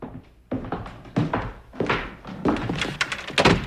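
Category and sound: household object, front door being opened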